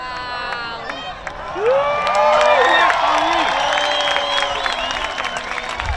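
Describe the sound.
A crowd at Cala Blanca, Menorca, erupts into a spontaneous ovation during a solar eclipse, with cheering, whoops and scattered clapping swelling after a quieter start and holding at a loud, excited level, many voices overlapping.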